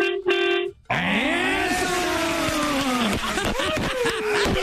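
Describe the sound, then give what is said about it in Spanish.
A short steady honk, then a long, loud, wavering horn-like blare that bends up and down in pitch, sounding like a voice imitating a truck horn. “A ver, quiero que toques el pito. Ahorita vas en el carro, vas en el camión.”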